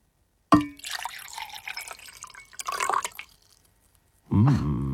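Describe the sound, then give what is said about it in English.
A light clink, then water poured steadily into a container for about three seconds, fairly loud, with a brief burst of speech right after the pour stops. “All right, I'm going to pour a liquid.”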